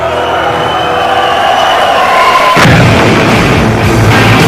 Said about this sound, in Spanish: Fuegos artificiales, bombas de humo y estruendo.